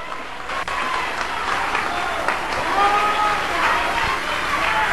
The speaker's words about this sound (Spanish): Denle un aplauso a Cristo, que Él se lo merece en esta noche.